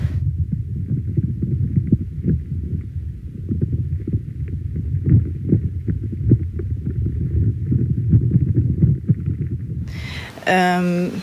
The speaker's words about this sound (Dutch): En nu hoor ik dus... Ja, krakende geluiden. Wat zowel nog de boom kan zijn die water eigenlijk aan het opslorpen is... Maar er kunnen ook insectjes zijn.